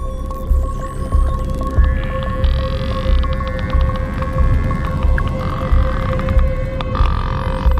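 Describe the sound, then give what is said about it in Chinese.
Pilot whale calls underwater: rising and falling high whistles layered with rapid click trains, over a steady low hum and a throbbing rumble, with no voices. “威胁出现了，是领航鲸。”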